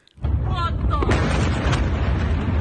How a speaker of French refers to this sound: Dernier exemple en date avec cette vidéo montrant une vaste explosion en pleine ville.